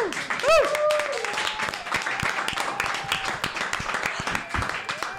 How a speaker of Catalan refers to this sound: És a dir, que ara sí, que un aplaudiment per fornellers que van a les activitats.